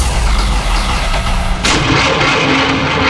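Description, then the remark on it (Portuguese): A car engine cranks over and over with a loud, rough, pulsing grind but never catches, then the sound shifts abruptly into a harsher, brighter burst of noise. “Parou? A Walter Elétrica resolve. Se o problema é motor de partida, alternador, motor de arranque ou qualquer defeito na parte elétrica”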